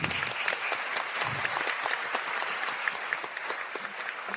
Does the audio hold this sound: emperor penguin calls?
no